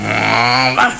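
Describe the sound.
A dog growls low and steadily up close, then breaks into a sharp bark at the end; loud and alone, with no other sounds around it.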